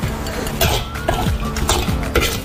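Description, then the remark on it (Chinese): A spatula scrapes and tosses spices, including Sichuan peppercorns, fermented black beans and preserved mustard greens, around a wok in steady, repeated strokes about every half second, over a continuous low sizzling hiss, with no talking; the mix is stir-fried without salt to dry out the moisture and bring out the aroma. “来嘛，不停地翻炒， 不停地翻炒， 把水分收干，香味炒出。”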